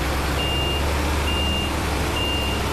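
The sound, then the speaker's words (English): A grain wagon reverses with its backup alarm sounding three evenly spaced, steady high beeps over a constant low engine rumble and broad mechanical noise. “We've got the grain wagon. I'll just back him up”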